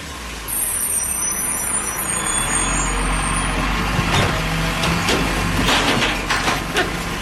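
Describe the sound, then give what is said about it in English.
A garbage truck sound effect: a steady low engine rumble, with a shrill hissing squeal of air brakes early on, followed by several sharp clanks and bangs of machinery. No one speaks. “A garbage truck. Please, garbage truck.”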